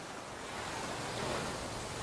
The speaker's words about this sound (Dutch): Het witte strand, de brede kustlijn en de golven die hard stuk slaan op het zand. Acapulco is een paradijs.